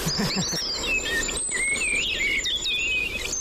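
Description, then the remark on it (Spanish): A common blackbird sings in fluid, whistled phrases that rise and fall, set against a steady background chorus of other birds and insects outdoors, played to a phone and identified by the Merlin bird app. “Mirlo común.”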